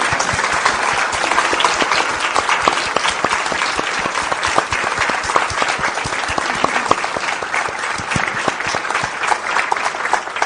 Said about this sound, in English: Thanks, guys. You might like to just stand up so that everyone knows who they're clapping.